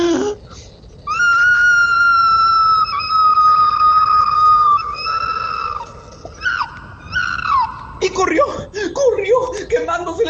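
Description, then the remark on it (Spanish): A voice imitates an opossum's loud scream of pain as its tail burns in a fire: one long, high, steady wail, followed by shorter cries and then broken, yelping sobs, loud. “Y el tlacuache pegó un fuerte grito de dolor, más o menos así.”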